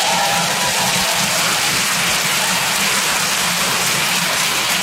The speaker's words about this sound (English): A big round of applause for the Tom Papa dancers.